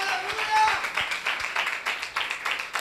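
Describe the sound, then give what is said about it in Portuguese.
A church audience claps for Jesus together in a steady, sustained patter of many hands, fairly loud and continuous, with a faint murmur of voices underneath. “Palmas para o Rei Jesus.”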